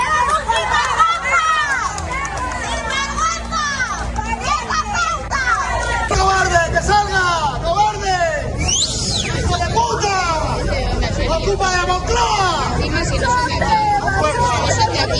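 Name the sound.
crowd shouting insults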